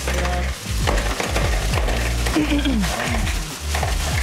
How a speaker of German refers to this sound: Also, Eiswürfel in der Schüssel. Aha. Also ganz normale. Hau rein, das Ding.